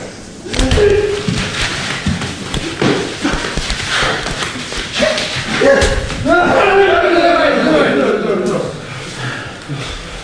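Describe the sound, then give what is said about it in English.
Some of the world's top Japanese sumo wrestlers in a training session: sharp slaps and heavy body collisions in an irregular flurry, with grunts and shouted voices rising over the impacts. “Well, those were the sounds of a training session for some of the world's top sumo wrestlers.”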